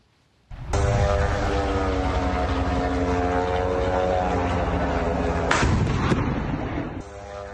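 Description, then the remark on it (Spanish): A loud, steady propeller-engine drone buzzes for several seconds, interrupted near the end by a few sharp bursts like anti-aircraft fire, then fading slightly: Russian air defenses shooting down Ukrainian drones heading toward Moscow on a Tuesday morning. “El alcalde de Moscú dijo que las defensas rusas derribaron 60 drones ucranianos que se dirigían hacia la capital durante la mañana del martes.”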